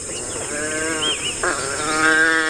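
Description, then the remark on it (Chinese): African wild dogs in bush woodland calling to each other as the pack prepares for a hunt: a steady chorus of overlapping high, wavering, squeaky twitters from several animals, with no speech. “它们和其他种类的野犬一样，在为狩猎进行准备时，族群中的成员会对彼此发出叫声，为捕猎加油打气。”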